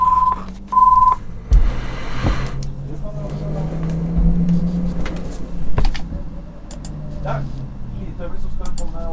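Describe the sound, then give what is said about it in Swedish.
A phone line rings after dialing: two short, clear tones at the start, followed by clicks, knocks and a steady low rumble of background noise with faint voices. “Og der ringer det.”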